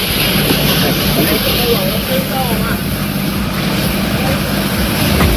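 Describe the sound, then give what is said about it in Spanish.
An electric car burning in the early morning while recharging at the Los Luises petrol station on Avenida Adolfo Suárez in Toledo gives off a loud, steady roar with a broad rumbling hiss that barely changes, while muffled, indistinct voices murmur underneath. “De madrugada, un coche eléctrico salía ardiendo mientras recargaba en la gasolinera de Los Luises”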